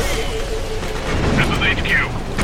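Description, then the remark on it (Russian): A video game explosion: a heavy, sustained low rumble with sharper blasts bursting through midway, loud, with a voice faintly underneath. “Так, а я знаю, как взрывать.”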